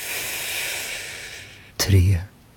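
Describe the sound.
A long, steady breath drawn in with a soft airy hiss, followed by a sudden louder, rougher rush of air near the end, with no talk.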